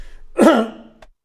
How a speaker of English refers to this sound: Sorry, got a bit of a cough there.